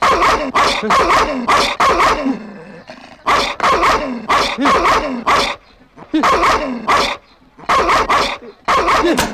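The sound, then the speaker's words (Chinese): A dog barks loudly and fiercely in rapid bursts as someone urges it to bite, with short pauses between volleys of harsh, snarling barks and some growling. “你看这狗，咬它，咬，咬它，咬啊！”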